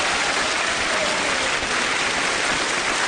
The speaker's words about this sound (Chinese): 此处应该有掌声，我觉得，谢谢。